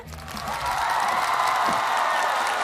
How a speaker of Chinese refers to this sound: 接下来让我们用最热烈的掌声有请淮剧名家…老师。